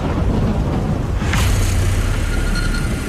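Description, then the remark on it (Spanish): A heavy, continuous thunderstorm roar with deep low rumbling and a broad crack-like burst about a third of the way in, loud, with no voices, during a powerful storm on Monte Tritrans. “Lo hacen bajo una poderosa tormenta.”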